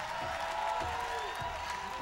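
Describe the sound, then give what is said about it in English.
An audience claps hands together in a steady, dense wash of applause with a faint crowd murmur underneath, continuing at an even level throughout. “Let me see you clap your hands.”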